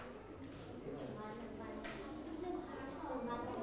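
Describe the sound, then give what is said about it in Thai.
Small 25-satang coins clink together a few times with light, bright metallic taps, partly buried under a person talking steadily throughout, during a school lesson on adding up money. “เหรียญ25สตางค์นะคะ”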